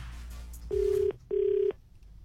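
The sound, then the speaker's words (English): A phone ringback tone heard from the caller's end during an outgoing call to an iStore Apple shop: two short, steady electronic rings in quick succession with a brief pause between, clear and moderately loud over faint background hiss. “So, that's who I'm calling. And whoever picks up the phone gets it, all right?”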